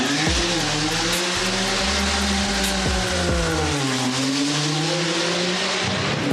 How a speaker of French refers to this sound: La ligne de départ, on est juste au bord, les voitures s'élancent pleine balle. Certains sont là pour faire le spectacle avec un peu de fumée. C'est impressionnant.